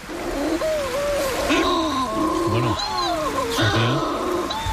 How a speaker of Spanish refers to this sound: vamos al Mediterráneo, donde tenemos también en el archipiélago de Cabrera un pariente, la pardela balear, que es una especie que cría solo en el Mediterráneo, casi solo en Baleares, está en peligro de extinción, tiene una voz aún más sutil.